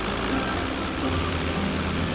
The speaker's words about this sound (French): À 7h45, son avion, un Potez 25, quitte le hangar.